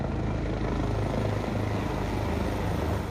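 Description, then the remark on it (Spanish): Three helicopters fly overhead as a tribute to victims at a remembrance event in the United States, a loud, continuous rotor drone with a low throbbing hum that holds at the same level throughout, with no voices. “Como parte del evento, un homenaje también surcó los cielos, en donde 3 helicópteros rindieron tributo a todas las víctimas de uno de los sucesos más desgarradores de la historia moderna de los Estados Unidos.”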